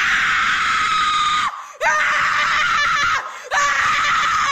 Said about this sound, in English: How about this? How about scream therapy?